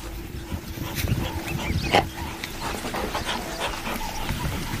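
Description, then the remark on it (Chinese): African wild dogs give soft whimpers and a sharp, high call midway through, over a steady outdoor rumble, after two spotted hyenas they chased hid under a tour vehicle. “非洲野犬安静下来，却没有离开。”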